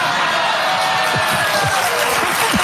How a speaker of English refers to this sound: How about the way the audience howls?